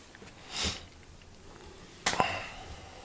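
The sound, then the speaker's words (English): Two soft, airy breaths: a hissy inhale early on, then a sharper, slightly louder breath about a second and a half later, with quiet stillness around them and no talking. “Do you like this sound, like breathing, etc., etc.?”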